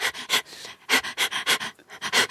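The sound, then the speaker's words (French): A dog pants in quick, evenly spaced breathy huffs, about ten in a couple of seconds, forming a steady, almost percussive rhythm with no voices present; the panting is used as a drum-machine beat in a song. “Il y a mon chien, oui, le chien. Qui prête son allaitement à une boîte à rythme.”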